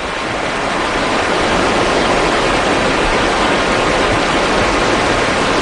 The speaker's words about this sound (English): Just the general outdoor environment of West Forks, Maine. It's always good to be by the river, just listening to it.